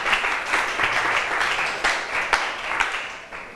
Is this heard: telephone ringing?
no